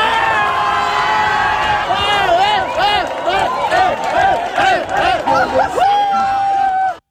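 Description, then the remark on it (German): A dense crowd in Palma de Mallorca, Spain, cheers and shouts loudly and continuously just after midnight, after the final whistle of a won football final, many voices overlapping in jubilant whoops and yells, with high excited calls rising above the roar before it cuts off. “Nach dem Abpfiff kannte der Jubel in Spanien keine Grenzen mehr.”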